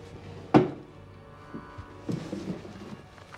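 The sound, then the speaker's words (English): A sharp wooden thunk as a desk drawer is pulled open, followed by softer rummaging, sliding and knocking sounds as the drawers are searched, with no talking. “He searches drawers.”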